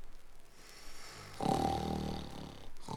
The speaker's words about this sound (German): Und 5 Minuten später dröhnt lautes Schnarchen zu Plim und der Bananenbande